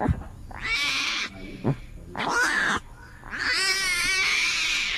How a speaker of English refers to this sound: And today, I was privileged to play mommy to a 10-day-old baby Bengal tiger, and this is what the baby tiger sounds like at that age.